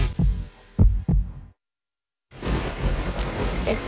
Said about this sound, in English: Your heart starts beating really, really fast.